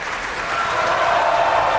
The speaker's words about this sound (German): Dieser Applaus ist für Camilla Nühle und die Brünnhilde heute Abend. Und auch sie wird noch einmal groß vom Publikum gefeiert und verlässt jetzt noch einmal die Bühne.